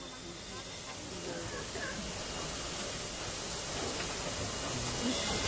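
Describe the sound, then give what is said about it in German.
A steady, broad hiss of escaping steam fills the scene at moderate loudness, continuous and even throughout, with a faint low rumble underneath as steam locomotive 458 starts to pull out into the station. “Vorsicht bitte, eine Ausfahrt, 458 fährt jetzt raus in den Bahnhof zur Lokmitfahrt, um die 52 aus Löbau abzulösen.”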